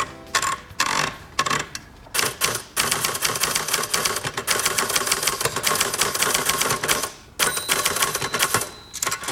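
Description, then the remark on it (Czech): Rapid, loud clacking of an old mechanical typewriter, keys striking in dense bursts with a few brief pauses between runs, and no voices. “Takže den archivu a psací stroje, tento zvuk by nás mohl docela dobře naladit, poslouchejte.”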